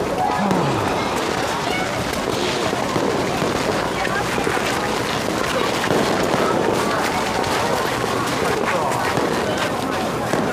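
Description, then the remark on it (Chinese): Fireworks set off around Chinese New Year crackle and pop nonstop for the whole stretch, a dense, loud barrage of overlapping bursts over a steady rumble, with faint indistinct voices mixed into the din. “哎，都放烟花了，有点过年的氛围了哈。”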